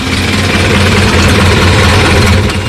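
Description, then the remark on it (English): An old Model A coupe engine idles loudly and steadily, a low rumbling chug with a faint rattling vibration throughout and no voices. “Back in those days, I drove a Model A coupe, and it was quite a car.”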